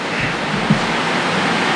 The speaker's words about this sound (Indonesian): Iya, lagi hujan ini soalnya di Bahat Tabut.